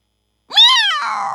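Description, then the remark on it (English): A single loud, drawn-out cat meow, rising in pitch and then trailing off into a slightly rougher, sustained tail after a brief moment of silence. “Meow. Meow.”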